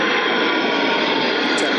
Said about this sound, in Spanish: Ahí están esos aviones militares boicoteando los micros de raíz.